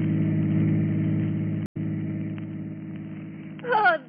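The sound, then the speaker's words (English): A chauffeur-driven car's engine hums at a steady idle-like drone, fairly loud, with a momentary cut partway through; near the end a voice starts speaking over the running motor. “We find him now in his chauffeur-driven car, and with him is the lovely young girl, 15 years his junior.”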